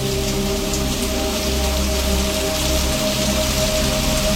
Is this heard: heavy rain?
yes